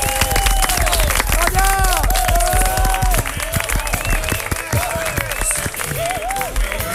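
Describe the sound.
Loud, sustained applause from a live audience, dense rapid clapping filling the whole stretch, with scattered cheers and voices rising above it before it eases slightly toward the end.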